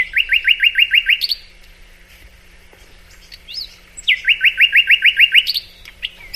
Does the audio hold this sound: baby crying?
no